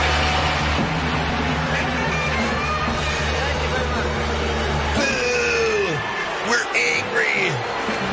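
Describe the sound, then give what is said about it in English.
A concert crowd at the 1965 Newport Folk Festival boos a folk performer who has gone electric with a Sunburst Stratocaster. A loud, dense roar of jeering voices over a steady low drone, with sharper shouts and whistle-like cries rising out of it in the final few seconds. “So this is part of the performance where the crowd turned on him.”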